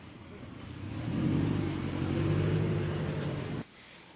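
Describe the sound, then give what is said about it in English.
Mary Pelota's car pulls away, its engine swelling into a low, steady rumble with some revving for a few seconds before the sound drops off abruptly, leaving a fainter hum. “There she goes, driving away, Mary Pelota, not wanting to answer questions about how she treats her staff.”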